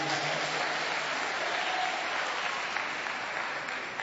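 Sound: audience applauding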